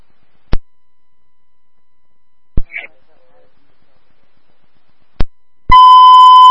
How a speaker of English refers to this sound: This is from a vehicle alarm.